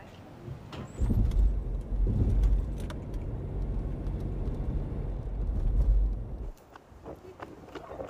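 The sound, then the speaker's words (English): A car pulls up and parks with a loud, low engine rumble for several seconds, then the engine cuts off, leaving quieter clicks and faint background voices. “Please, park your car and let's go.”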